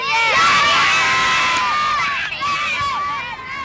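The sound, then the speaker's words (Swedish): A group of children at a football camp at Östermalms IP cheering and shouting together, high excited voices overlapping in a loud, sustained burst of jubilation outdoors, with a brief dip before the cheering surges again. “Jublande barn där på Östermalms IP.”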